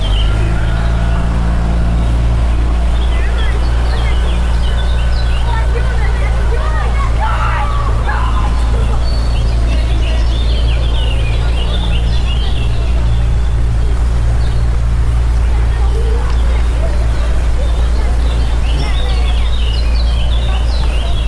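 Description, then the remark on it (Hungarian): Busy outdoor bustle at a boathouse as small children launch boats onto the water: overlapping voices of kids and adults, scattered clatter, a steady low rumble and occasional birdsong, continuous throughout with no single voice standing out. “Itt fent egyébként a csónakháznál nagyon nagy a sürgés-forgás, mert hogy a picik most szállnak vízre”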